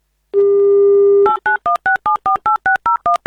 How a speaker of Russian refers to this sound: Номер набран. Мы ждем гимн Авторадио. Никаких гудков.